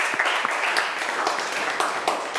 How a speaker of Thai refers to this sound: นักเรียนคะครูขอเสียงปรบมือให้เจ้าของคลิปสาระดีน่ารู้ในวันนี้หน่อยค่ะ